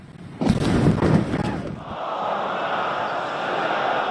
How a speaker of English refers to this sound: He starts by talking about power cuts, but the subject soon changes as US airstrikes explode nearby. He looks around. You can see the fear in his eyes. These are the attacks near the port city of Bandar Abbas.